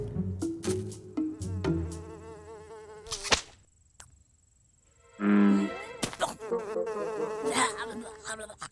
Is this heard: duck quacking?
no